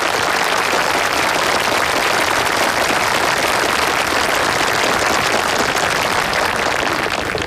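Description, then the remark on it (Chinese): Sustained applause from a crowd, thanking the Guide County magistrate for bringing in an elderly Confucian scholar, a dense, steady patter of many hands clapping at once, loud, continuing without a break and with no voices over it. “今天为了跟您庄幸啊，俺把咱归德县的大儒宋老先生请来跟您庄幸，大家鼓掌表示感谢啊。”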